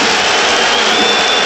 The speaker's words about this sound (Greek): Χειροκροτεί ο κόσμος του Παναθηναϊκού ειρωνικά. Στη διείσδυση του Γκραντ θεωρούν ότι απόθεσε τον αντίπαλό του.